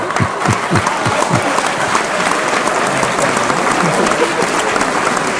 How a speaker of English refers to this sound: And I think you should have a round of applause as well for putting up with me every week. Well, nearly every week anyway.